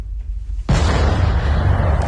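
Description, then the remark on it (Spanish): After a second of low rumbling, a heavy explosion from a Russian drone and ballistic missile attack on Kyiv, Ukraine, in the early morning erupts suddenly and loudly, its deep booming roar filling the rest of the moment with sustained, thundering noise. “Fuertes explosiones esta madrugada en Kiev.”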